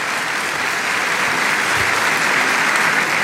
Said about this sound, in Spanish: Un aplauso también para ustedes de bienvenida, santos hermanos.